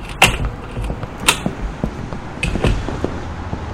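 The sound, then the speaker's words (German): A door opens with a few sharp latch clicks and knocks spread over a few seconds, followed by faint shuffling and handling noises. No one speaks. “Die Tür ist offen.”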